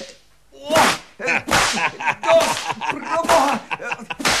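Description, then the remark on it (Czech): A whip cracks sharply again and again, four or five loud snaps at a fairly steady pace, with brief vocal cries mixed in between the lashes. “Ten bič se zdá solidní. Dejte sem!”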